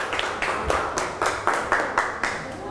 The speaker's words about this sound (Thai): ปรบมือให้เพื่อนตัวแทนกลุ่มด้วยนะคะเก่งมากค่ะ